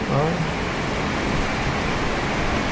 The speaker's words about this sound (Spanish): si yo dejo de hablar ahora, dejo. No hablo, tú no decís nada, dejamos nada más que la lluvia. ¿Querés escuchar la lluvia? Mira.